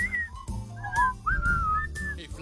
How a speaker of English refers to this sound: Can you whistle?